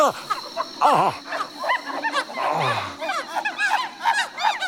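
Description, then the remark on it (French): A chorus of howler monkeys calls out together, loud, overlapping wavering cries and hoots rising and falling continuously, with a low guttural groan partway through. “Des singes hurleurs.”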